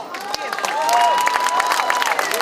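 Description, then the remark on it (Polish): A crowd applauds steadily for team manager Filip Brylski as the team staff are introduced before a match, dense clapping with scattered cheers and a few whistles rising above the sustained ovation. “No tak, Filip zbiera jak zawsze zasłużone brawa.”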